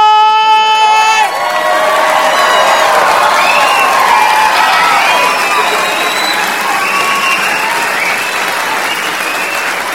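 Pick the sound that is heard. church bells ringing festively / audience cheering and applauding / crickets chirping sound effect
audience cheering and applauding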